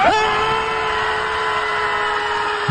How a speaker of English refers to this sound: And you see this, 100 people stood on a beach out in San Francisco to scream at the ocean. And they actually trained for it beforehand and had a megaphone person with them. 3, 2, 1.